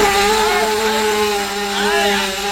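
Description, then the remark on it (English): A motorbike is started and its engine runs loudly with a steady buzzing drone, its pitch wavering and briefly revving upward near the end. No one speaks over it. “I got my motorbike started.”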